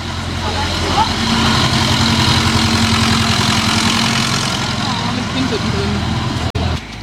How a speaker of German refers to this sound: So, ein bisschen dörfliche Atmo.